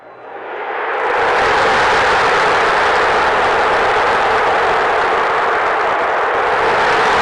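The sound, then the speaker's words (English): A huge stadium crowd erupts in a roar at Jackson Churio's game-winning playoff walk-off for the Brewers against the Padres, swelling quickly over the first second and then holding at a loud, steady, dense wall of cheering with no distinct voices standing out. “I'm going to do just the gnat sound of the crowd, because I think that just tells the picture just as good as a Levo call.”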